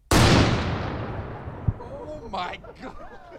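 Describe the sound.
A single loud blast from a mini cannon, fired to begin a shotgun-start golf tournament at Yellow Pine, booms out and rolls away in a long decaying rumble, followed by faint voices talking.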